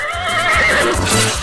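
A horse neighs loudly, a long wavering whinny with shaky, trembling pitch that fills the whole short moment, with faint low thumps underneath.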